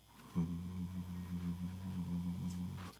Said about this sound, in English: Oigo la nevera zumbar.